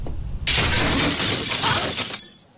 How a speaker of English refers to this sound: The good news is that I'm able to get your keys out of the car. Okay. The bad news is that your window broke.